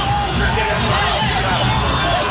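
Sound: football stadium crowd shouting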